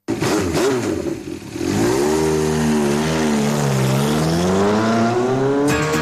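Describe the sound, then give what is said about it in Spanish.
A loud motorcycle engine revs continuously, its pitch climbing and dipping in waves as the throttle opens and eases, with no voices over it. “Sientes la pasión de las dos ruedas en el pecho, tu próxima parada no es un podio, es Moto Workshop.”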